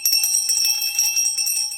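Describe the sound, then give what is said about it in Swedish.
A bell belonging to an installation of a gynecologist's chair placed behind a wall rings continuously and loudly, its bright metallic tone rattling in rapid repeated strikes for the whole two seconds, with no voices. “Installationen består av en gynekologstol placerad bakom en vägg med en tillhörande klocka.”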